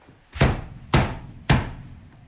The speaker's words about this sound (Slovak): Ty, počuj, kôň. Ty si mocný. Zabúchaj na dvere.